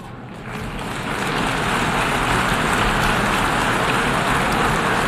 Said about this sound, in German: Verhaltener Applaus für Deutschland, bloß 104 Stimmen.